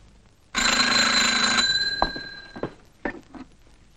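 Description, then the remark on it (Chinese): A loud telephone bell at the office of the Secretary-General of the Southwest Commander's Headquarters rings in one sustained burst of about a second, its metallic tone lingering as it fades, followed by a few soft clunks and knocks. “喂，是啊， 西南长官公署秘书长电话。”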